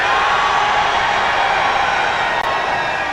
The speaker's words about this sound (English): Your screams are music to our ears.